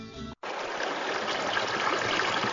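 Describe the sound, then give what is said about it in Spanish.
A steady rush of trickling stream water runs continuously after a brief tonal snippet and a split-second cut, its bright babbling texture holding even and unbroken to the end. “A veces nos acostumbramos tanto al agua que dejamos de verla como milagro.”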